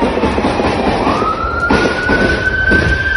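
A state police patrol car siren wails with a steadily rising tone, growing louder as it approaches, over a rough, noisy background punctuated by several sharp bursts of high-powered gunfire during a shootout in the streets of Alvarado.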